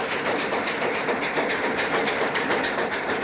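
A train rolls steadily along the tracks, a loud, continuous rumbling roar with a quick, regular clickety-clack running through it. No one speaks.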